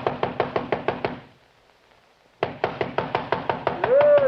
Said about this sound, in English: But I did get the address of the driver who worked nights there, and 10 minutes later, I was pounding on his door.